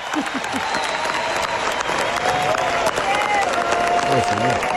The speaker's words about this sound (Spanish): Ovación total con el español.